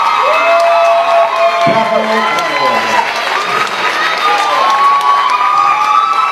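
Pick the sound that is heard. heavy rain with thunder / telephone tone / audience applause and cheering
audience applause and cheering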